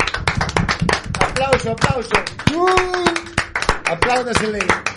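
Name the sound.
loud applause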